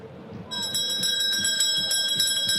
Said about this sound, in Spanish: Por favor, quiero despertarme. Sacristán, tócame la campana.